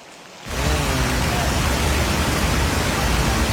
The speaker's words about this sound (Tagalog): walang tigil ang ulan dito sa La Trinidad Benguet, kaya naman pangamba ng ilang residente ng Sitio Bayabas ay ang flash flood na ilang taon na nilang problema.